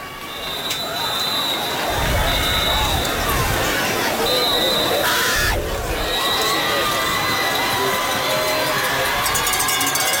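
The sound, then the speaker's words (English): A loud football crowd at a Lancaster game roars and cheers continuously in support of their defensive squad, with dense shouting and whistles filling the scene, and occasional low thumps and bursts of noise rising from the din. “All right, the Lancaster crowd is loud, supporting their defensive squad.”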